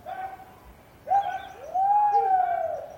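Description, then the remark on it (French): Distant people on a huge sheep farm in Tierra del Fuego, southern Argentina, shouting to scare sheep and gather them toward the central farm for shearing: long, drawn-out tonal calls that waver in pitch, one fading at the start, then louder sustained cries overlapping and holding steady before trailing off. “Et on entend au loin des gens qui font peur aux moutons.”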